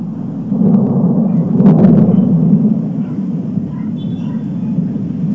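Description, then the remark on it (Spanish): A deep, rolling rumble of thunder from an unusual electrical storm over Taxco that lasted about two hours on a Tuesday afternoon and night. The rumble is sustained and low, swelling louder around the middle before easing back into a steady growl. “en Taxco se vivió una tormenta eléctrica que se extendió poco más de 2 horas”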